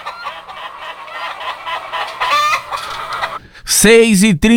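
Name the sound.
rooster crowing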